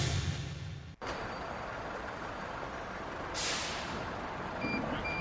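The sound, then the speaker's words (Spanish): A large new zero-kilometre city bus of the municipal company Transpuntano in San Luis, Argentina, idles with a steady engine rumble, then lets out a loud hiss of air brakes, while faint high beeps sound intermittently in the background. “Sumamos 5 nuevos colectivos 0 kilómetro para la empresa municipal Transpuntano, de los cuales uno está adaptado para personas con discapacidad.”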